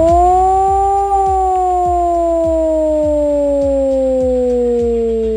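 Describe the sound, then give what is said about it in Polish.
A loud civil defense siren wails steadily as sirens sound nationwide in the Alarm 26 exercise, its tone rising slightly then slowly falling across the whole stretch, with a faint regular thumping underneath and no voices. “W całym kraju można dziś usłyszeć wycie syren alarmowych.”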